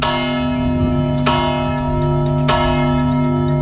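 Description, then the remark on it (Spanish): The famous bell of the Torre de la Vela in Granada tolls twice at a slow, steady pace, each strike ringing out over a long, sustained hum of overtones that lingers between the blows, opening a four-day cultural festival. “Es la Torre de la Vela y los tañidos de su famosa campana servirán la tarde de este jueves y la del próximo domingo para poner principio final a un duelo”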